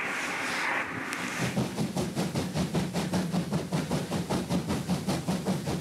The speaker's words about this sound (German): Noch ist es nicht so weit. Noch ist der Zug im Anstieg. Über 30 Meter Höhenunterschied sind zu bewältigen. Aber langsam wird es ernst.